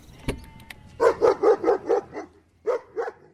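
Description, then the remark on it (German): A dog barks in a quick run of about six sharp, evenly spaced barks, pauses briefly, then barks twice more. The barking is loud, with no talking. “Kann ich jetzt meinen Hund wieder haben?”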